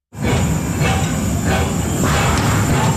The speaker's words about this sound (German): Das Dampftram ist nach einem Jahr Revision jetzt wieder in der Stadt Bern unterwegs. Und es steht neu unter Denkmalschutz als erstes Dampftram der Schweiz.